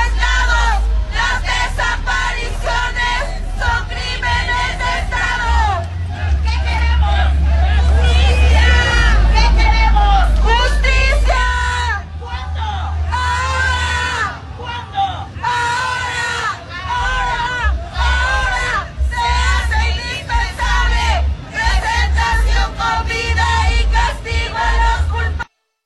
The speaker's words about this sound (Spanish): Vamos a escuchar parte de las consignas, de las demandas de las madres buscadoras.